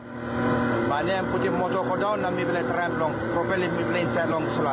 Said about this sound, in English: At Baon village on Low Island in Manus province, a boat struggles to push through a dense layer of pumice rock floating on the surface of the sea.